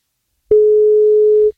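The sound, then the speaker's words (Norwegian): A single telephone ringing tone heard while a call is placed to a contest participant: one steady, clear electronic beep lasting about a second, loud, with no voices around it. “på NFM som ringer deg”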